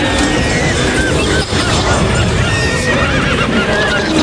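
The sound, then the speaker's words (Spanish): A horse neighs and whinnies repeatedly over a dense, noisy background, the calls rising and falling in pitch across a few seconds, loud. “Pero vamos, el proyecto que caballos, vaquillas y Maverick, que toma el avión y huye de los toros, de los astados, efectivamente.”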